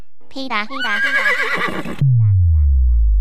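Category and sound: animal, horse neighing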